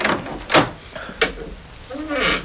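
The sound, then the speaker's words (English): A door is unlocked with a key and opened: a sharp metallic click, then another, followed by a creaking, scraping swing as it opens, with a faint bit of movement noise at the end. “You may open the door.”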